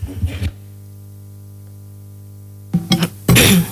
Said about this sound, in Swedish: Ja, får man hosta upp sig lite? Det är första gången idag efter så många timmar.